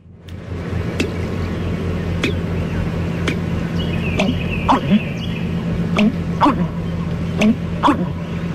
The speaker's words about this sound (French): Le deuxième oiseau qu'on va faire, c'est le butard d'Amérique.